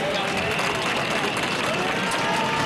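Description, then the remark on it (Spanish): Dense, steady applause from a large crowd at the arrival of the general, loud and continuous, with a murmur of voices underneath and jeering whistles buried beneath the clapping. “la jornada ha sido más tranquila, aunque con pitidos tapados con aplausos a la llegada del general.”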